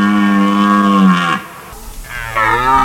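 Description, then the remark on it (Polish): A red deer stag roars during the rut: a loud, deep, harmonic bellow that slides downward, a brief gap, then a second roar rising again. No one speaks. “Rykowisko jeleni to także sygnał zmian w przyrodzie.”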